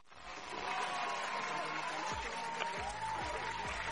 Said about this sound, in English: Yes, you got that one. All right, let me just clap for you.